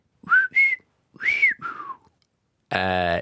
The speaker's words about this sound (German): Und jetzt pfeife ich noch meinen Namen.